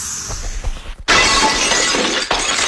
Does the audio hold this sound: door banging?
no